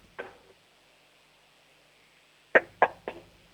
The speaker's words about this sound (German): Du, dann hätte ich jetzt gesagt, du laufst zur nächsten Tür und klopfst mal ordentlich an die Tür, sodass es richtig schön bumpert.